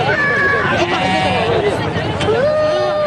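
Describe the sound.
Dense, steady hubbub of a crowd at a livestock market in Abéché, Wadaï province, Chad, ahead of the Tabaski festival, many voices talking and calling over one another at a constant loud level, with a few raised voices cutting through the din.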